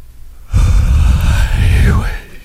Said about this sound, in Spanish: No, voy a bostezar y a ver si la gente que va manejando, a ver si se les contagia, pero voy a hacer un bostezo chilo, ahí va, ¿eh? A ver, bájala todo. Ahí va.